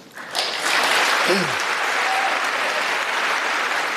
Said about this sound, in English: Applause and standing ohs from both sides of the aisle.